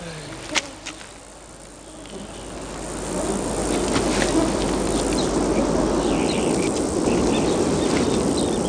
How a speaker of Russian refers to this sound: Дрессированные мухи.